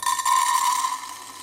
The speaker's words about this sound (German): Und jetzt gießen wir dieses Getreide mal in dieses Gefäß.